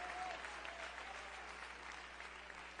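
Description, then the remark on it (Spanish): A church audience applauds steadily as praise to the Lord, a dense, continuous wash of clapping hands that holds at an even level for the full stretch, with no voices rising above it. “Yo le decía aplauso de alabanza al Señor.”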